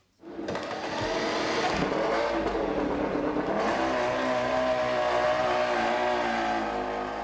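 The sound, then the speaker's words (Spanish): A motorcycle engine roars in loud after a brief silence, revving hard with a pitch that climbs and surges, holding a steady, buzzing snarl to the end with no talking. “Nos vamos con la moto”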